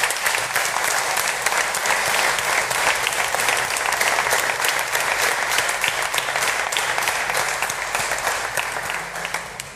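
An audience applauds warmly in gratitude to those who serve at the altar of the Eucharist, a dense, steady wash of many hands clapping at once that holds for the full stretch and eases off slightly at the very end.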